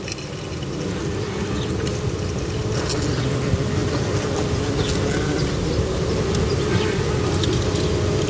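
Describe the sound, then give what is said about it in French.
A small wasp buzzes steadily inside a tube acting as a resonance box, picked up with a parabolic microphone; its droning hum is loud and continuous, with a hollow boomy quality and faint flickering overtones throughout. “C'est sûrement une guêpe qui clignote quelque chose.”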